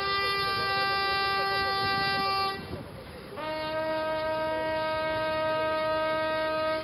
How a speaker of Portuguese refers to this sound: Do som dos trompetes